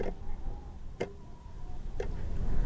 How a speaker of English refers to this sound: The clock ticks on the kitchen wall. It is black and white and marks each second with a small shudder.